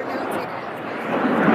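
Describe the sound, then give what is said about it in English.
A steady, broad roar of airplanes passing overhead at an outdoor event fills the air and swells slightly louder toward the end, with faint, indistinct voices of a PA announcement mixed underneath. “this is hard to hear over the sound of the airplanes, but the PA announcement is saying that there's some sort of a delay here.”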